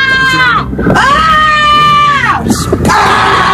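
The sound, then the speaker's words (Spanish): A loud, piercing shriek, broken by brief gaps into two or three long, high-pitched screams that waver and slide in pitch. “¿Me vas a gritar otra vez?”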